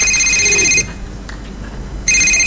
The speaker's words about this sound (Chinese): 哟，我岳父打电话来了，赶紧跟他老人家解释一下。